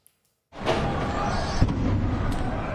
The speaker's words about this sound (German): In der Stadt sind Detonationen zu hören. Erster Vorgeschmack auf das, was da noch kommen mag in den nächsten Tagen.